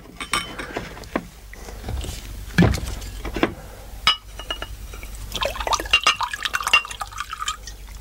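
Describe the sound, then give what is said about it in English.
Liquor glugs and trickles into a glass from a sideboard of scotch and other drinks, with clinks of glass and a few drips, the pour starting and stopping unevenly as shaking hands spill some, before a steadier splashing fill to the brim near the end. “I fumbled for a glass and filled it to the brim.”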